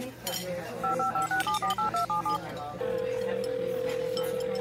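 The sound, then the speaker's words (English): A rapid run of about eight short two-tone telephone keypad beeps as a phone number is dialed, crisp, followed by a steady ringing-line tone over faint background hum. “Now, where is that guy's phone number? Ah, there we go.”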